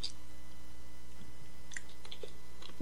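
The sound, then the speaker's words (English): Quiet mouth sounds of someone taking a small sip of water, with a few soft wet clicks and a light slurp scattered over about three seconds, no talking. “A little slurp of water.”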